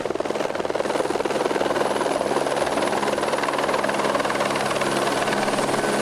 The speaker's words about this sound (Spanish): La piscina municipal del municipio tenía que ser desalojada para que los helicópteros del Plan InfoEx pudiesen coger agua de este lugar.